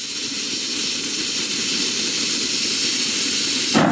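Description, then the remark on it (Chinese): A pressure cooker cooking rice at high altitude on a plateau vents steam in a loud, steady hiss that roars on without a break for the whole stretch, with no voices. “高压锅把气压顶上去，沸点跟着升高，米饭才能一次做透。”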